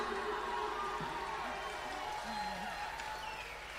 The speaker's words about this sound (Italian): Facciamo un applauso alla nostra faraona, la dea della cassa dritta.